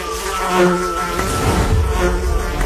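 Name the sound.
buzzing bee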